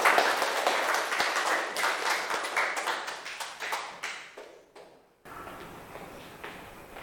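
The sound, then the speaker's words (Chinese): An audience claps in a dense burst of applause welcoming a food blogger group onto the stage. The applause gradually thins and fades, breaks off into a brief silence, then gives way to a softer, steady murmur of low noise. “好，来，美食博主小组有请，大掌声欢迎。”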